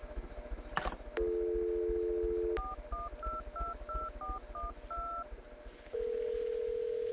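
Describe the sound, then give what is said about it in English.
A phone line's steady dial tone gives way to a quick run of about nine touch-tone keypad beeps, clear, followed by another sustained line tone with no voices, as someone calls the Fantasy Girls line. “Pick up the phone and call the Fantasy Girls.”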